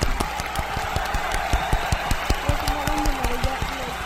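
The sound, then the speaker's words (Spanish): A small group applauds steadily for about four seconds, dense overlapping claps at an even level, with faint voices murmuring and calling out underneath partway through. “Aplausos.”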